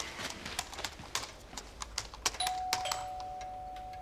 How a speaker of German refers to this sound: es hat geklingelt.